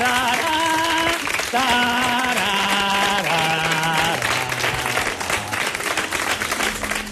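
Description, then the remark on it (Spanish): Dense, steady applause fills all seven seconds at full volume as a farewell to the magician Juan Tamariz, while a sustained melody of long, slowly descending notes carries over the clapping crowd. “Hoy le despedimos como él acababa sus trucos, por supuesto con aplausos y su violín imaginario.”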